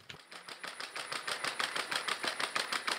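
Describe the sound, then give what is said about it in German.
Rapid, evenly spaced mechanical tapping of the robot dog Scotty's small hard feet pattering, with a faint steady high whine underneath; a busy clicking rhythm somewhat like a sewing machine. At the care home am Lutzepark in Köthen, Saxony-Anhalt, Germany. “Was klingt wie eine Nähmaschine, ist das Tippeln von Scotty.”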